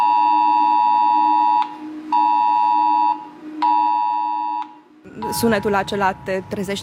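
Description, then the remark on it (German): A smartphone air raid alert tone, played in a defence ministry information video, sounds three times, each a loud, harsh, buzzing beep about a second and a half long with short gaps between, followed by someone talking. “Dieser Alarm kommt, genau wie beim Cell-Broadcasting, auf den Smartphones der Menschen in der Gegend an.”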